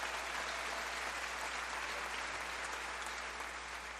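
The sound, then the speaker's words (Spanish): Sustained audience applause for love and marriage, a dense, steady wash of many hands clapping at an even, loud level for the full stretch, with no voices standing out. “Un aplauso al amor y al matrimonio.”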